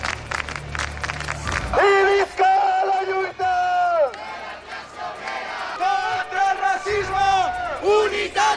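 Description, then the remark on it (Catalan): About 500 protesters marching through central Palma loudly shout slogans against genocide in unison. Long, drawn-out chanted phrases rise and fall in pitch, starting after a brief stretch of low, rumbling noise. “En aquesta marxa han duit una gran bandera palestina i s'han sentit moltes consignes en contra del genocidi.”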